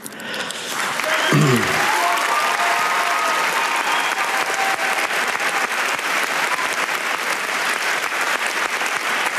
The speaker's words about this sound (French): Cristian Mungiu sous les applaudissements Palme d'Or donc de cette 79e édition du Festival de Cannes.